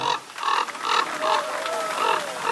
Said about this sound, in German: And the winner is... Der Kolkrabe.